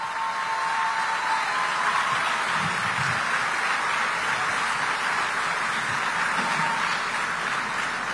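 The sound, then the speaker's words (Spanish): Sustained applause from an audience for women who are continuing their studies to become university students, a dense, steady crackle of many hands clapping at an even loudness for the full eight seconds, with no voices standing out. “¡Un aplauso para ellas!”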